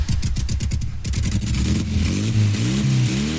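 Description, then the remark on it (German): A motorcycle engine revs at a women's bikers' meet in Schwalmstadt, starting with a choppy, pulsing idle and then climbing in pitch through a few loud throttle blips. No voices are heard. “Hier trifft sich die Bikerinnen-Szene am Wochenende zum Motorradfahren und Feiern.”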